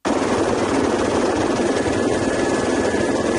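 An Infoar firefighting helicopter drones steadily and loudly overhead while working on a wildfire in Sierra Calva near Seira, Aragón, Spain, its rotor and engine noise forming a dense, continuous roar that holds without a break. No one speaks.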